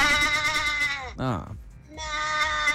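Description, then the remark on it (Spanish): A voice imitates a sheep, giving a wavering, nasal bleat with a brief falling warble in the middle, fairly loud, with no other sounds around it. “Tiene la oveja ahí al lado, está haciendo trampa.”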